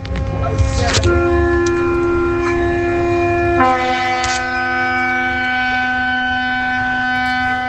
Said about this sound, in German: Ist das ein Hafen? Ist das ein Schiff oder so? Ist das? Das ist ein Schiff? Ja. Habt ihr recht, ja?